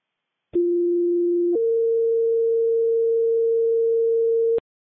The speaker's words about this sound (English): West Fire, stand by for tones on a gas order.